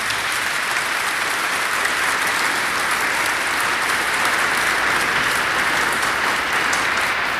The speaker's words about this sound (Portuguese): Nossa Senhora merece uma salva de palmas de todos nós.